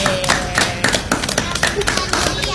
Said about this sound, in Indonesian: Tepuk tangan